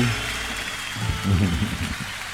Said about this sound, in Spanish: Fuerte el aplauso. Aplauso vivo.